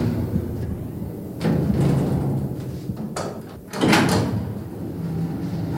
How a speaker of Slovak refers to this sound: Len pridržím dvere a pôjdeme nazad.